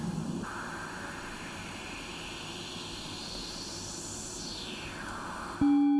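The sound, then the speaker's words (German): Steady white noise passed through a resonant filter, its emphasized band sweeping up and then back down in pitch like a whistling whoosh, ending with a brief steady tone. “jetzt haben wir einen Filter mit einer Resonanz, die einen bestimmten Teilbereich des Spektrums jetzt überbetont”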